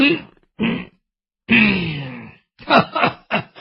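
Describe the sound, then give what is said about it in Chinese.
In a Chinese storytelling performance, a man's voice imitates an old woman's coughing and groaning: a few short strained bursts, a drawn-out moan, then a quick run of raspy coughs, fairly loud. “哎，我说展昭，看见没有，老太太可是生气了，让你多待两天，你不多待，你看看咳嗽了，把老太太气咳嗽了。”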